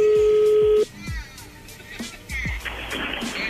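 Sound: telephone dialing tones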